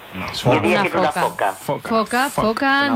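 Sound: mediterranean monk seal call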